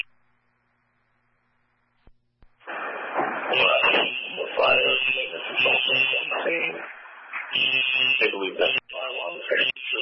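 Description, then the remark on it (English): A garbled, band-limited fire department radio transmission crackles in after a brief silence, with a shrill, steady fire alarm tone blaring continuously underneath and partly drowning out the muffled voice. “11, we're unable to copy with the alarm in the background.”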